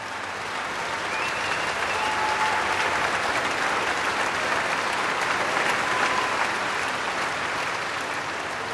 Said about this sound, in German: Solist und Orchester werden hier wirklich gefeiert vom Publikum, das ein ziemlich anderes Musikmenü bekommt als auch schon für Eröffnungskonzerte am Lucerne Festival.